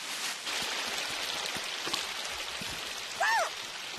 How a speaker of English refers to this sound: Wow! It's a little stream of water. What a pretty sound. Yeah, that sounds very relaxing.